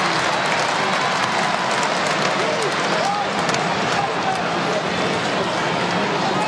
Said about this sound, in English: Fans clapping along, safe in the knowledge that they will win.